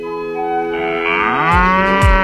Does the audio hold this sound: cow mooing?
yes